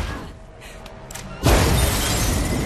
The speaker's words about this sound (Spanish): Una serie de explosiones recorre el departamento.